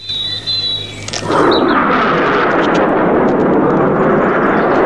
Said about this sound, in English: A fighter jet.